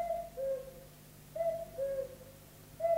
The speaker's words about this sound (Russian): Тише. Кукушка.